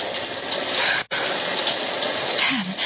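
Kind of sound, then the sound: nature, heavy rain downpour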